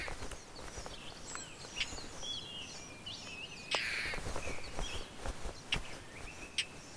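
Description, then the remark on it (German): Harsh, raspy calls of a courting male European roller in Latvia come in several irregular bursts, with one louder rasping cry partway through. Fainter chirps from other birds and a steady outdoor hiss fill the background. “Zum Brüten sind Racken auf verlassene Spechthöhlen angewiesen.”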